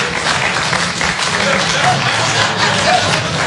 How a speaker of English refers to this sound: I won't say dirty. I won't say dirty. But clap if you are a little untidy. Maybe you're busy. You got stuff.